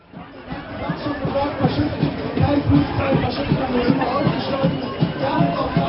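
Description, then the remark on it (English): A dense crowd of protesters fills the space with steady overlapping chatter and murmuring voices, a continuous loud hubbub with no single voice standing out. They are gathered just up the road from the annual conference of the party Alternative for Deutschland. “I'm making my way through a huge crowd of protesters.”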